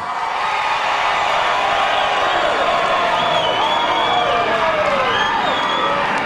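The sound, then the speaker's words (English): A crowd cheers loudly and steadily, a dense wash of voices with scattered whoops and shouts rising above it, sustained at full volume for several seconds, as the audience votes by cheering for a contestant. “Your cheering is going to dictate.”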